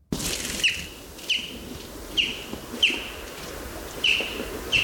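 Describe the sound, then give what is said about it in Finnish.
A chaffinch's short 'jyp' flight calls during autumn migration repeat at a steady pace, about one every half second to second, sharp over a faint airy background with no voices. “Siinä kuultiin peipon ääntä. Ja tuo lentoääni, tuommoinen jyp, jyp, jyp, sitä voi kuulla silloin, kun lähtee ehkä töihin tai askareisiin aamulla, aamutaivaalta.”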